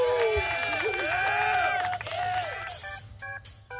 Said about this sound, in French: On a touches qui envoient des sons. Alors, par exemple, je peux envoyer une petite musique. Ah non. Dommage. Ah. Merci, c'est les applaudissements.